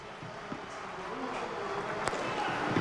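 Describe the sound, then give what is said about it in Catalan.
A padel ball bounces on the court, followed by a sharp crack as Agus Tàpia strikes the serve at match point for Coello and Tàpia at the Valencia tournament. Two distinct hits over a steady hum of crowd and faint voices. “Allà va el servici per a Tàpia.”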